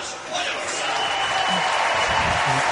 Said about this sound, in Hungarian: Liz Balázs mutatták be, ő volt az utolsó sorban, neki is szólt a taps, ezért vártunk ki egy picit. Mindenkit bemutattak, közeleg a 19 óra 27 perc, ez lesz az idei Gyula István Memoriál atlétikai magyar nagydíj záró felvonása.